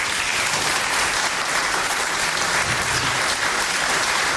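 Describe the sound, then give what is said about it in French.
Sustained audience applause for the event's organizers, a dense steady wash of many hands clapping at an even, loud level throughout, with no voices standing out. “on peut déjà les applaudir très fort.”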